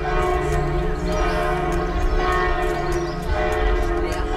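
Several church bells of Knechtsteden Monastery near Dormagen, Germany, peal together in a loud, continuous ringing, with rhythmic strikes about twice a second over a dense, lingering hum of overlapping tones. No voices.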